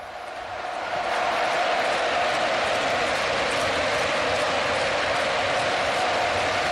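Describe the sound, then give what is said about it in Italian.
A dense, steady roar of football fans, most probably Real Madrid supporters, chanting in a stadium in Madrid, a massed wash of voices that swells in over the first second and then holds loud and unbroken. “E questi sono i cori dei tifosi del Real Madrid, molto probabilmente.”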